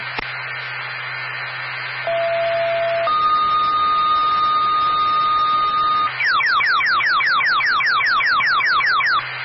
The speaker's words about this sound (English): stand by for tone.